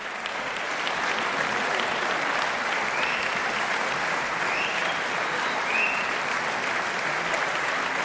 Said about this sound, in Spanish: Y seguían sonando esos aplausos que en realidad no eran otra cosa que el preludio de un pequeño regalo de los músicos al público.